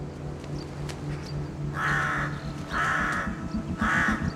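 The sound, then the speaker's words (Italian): Three harsh, raspy crow caws sound in slow succession, each lasting about half a second, over a steady low rumble of wind or ambient noise, from crows on the cliffs of Amorgos, Greece. “Ai corvi non piacciono le aquile.”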